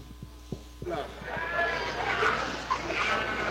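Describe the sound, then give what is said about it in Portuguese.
Sheep bleat in a noisy livestock setting at the Expo Inter in Esteio, Porto Alegre, wavering cries overlapping one another after a few low thumps, with murmuring voices and a steady background hum. “Ovelhas, ovinos.”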